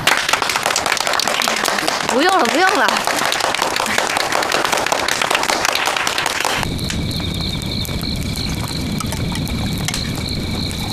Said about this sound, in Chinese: 我们大家为她的进步感到高兴，大家鼓掌。